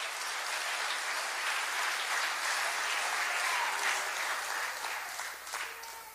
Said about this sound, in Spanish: Le damos un aplauso al Señor en esta noche. Aleluya.